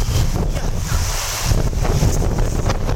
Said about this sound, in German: Was plätschert denn hier so?